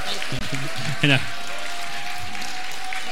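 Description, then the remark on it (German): A crowd claps steadily throughout, a dense, even wash of applause, while a voice briefly speaks over it near the start. “Und auch bitte Applaus für die Familie Wurzer, nicht Wurzer. Ein Riesenapplaus.”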